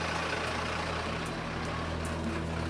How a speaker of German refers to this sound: Und die Feuerwehr tastet sich langsam vor. Gas geben!